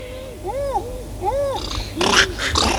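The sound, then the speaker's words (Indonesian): Monkeys call noisily, a few rising-and-falling whooping cries in quick succession, then a burst of harsher, rougher chatter, loud against a steady outdoor background. “Ai ai ai ai itu naon dulu itu monyet meni recet.”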